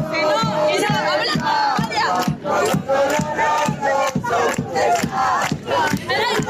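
A large crowd of sports fans celebrates at night at the Fuente de la Marina fountain in the centre of Zamora, chanting loudly in unison, voices rising and falling together over a steady beat of rhythmic claps or drum hits, with whistles and shouts mixed in.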